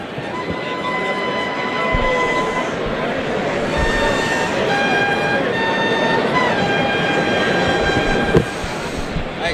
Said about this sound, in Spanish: Clarines que van a dar suelta al primer toro para Rejón en este caso, ¿no?